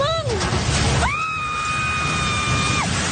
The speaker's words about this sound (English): That scream of horror as a building housing a fast food outlet and three radio stations collapsed in the southern city of General Santos.